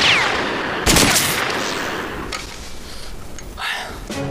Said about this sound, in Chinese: 我也觉着纳闷，刚刚我打了几枪也都跑了吧？枪上没有准星，这个望远镜应该就是瞄准用的，可这里边一片模糊，什么也看不见啊。